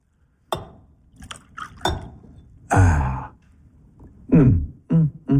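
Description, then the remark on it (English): Brandy from a bottle hidden behind the fire guard by Sir Isaac Newton is poured into a glass, with a few sharp clinks of glass and short gurgling bursts of liquid, fairly loud, along with some soft breathy sounds. “Ah, My dear Mobius, behind the fire guard, you'll find a bottle of brandy hidden away by Sir Isaac Newton. Certainly, Herr Inspector. May I pour you one?”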